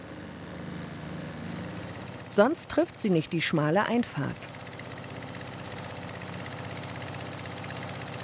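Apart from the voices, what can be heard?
motorboat engine running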